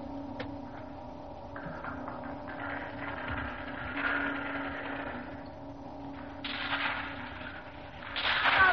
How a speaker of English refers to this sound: Well, they're still firing at the other end, sir. Firing? Yes, sir, listen.